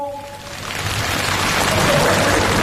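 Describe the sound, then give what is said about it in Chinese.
An audience breaks into applause that quickly swells into a dense, steady wash of clapping and holds at full strength to the end, with no voices over it. “各位，待会儿如果他觉得画得像的话，咱给他鼓鼓掌怎么样？”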